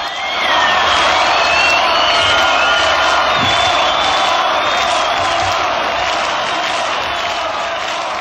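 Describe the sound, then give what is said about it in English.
A large crowd at the Woodstock festival roars with sustained applause and cheering after a performance, a dense, loud wash of clapping and voices threaded with high whoops and whistles that holds steady throughout. “And it just isn't an applause, that's why I've left it on there.”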